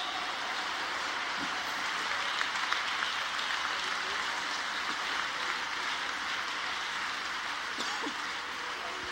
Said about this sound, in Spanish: Denle ese aplauso, mi Dios santo.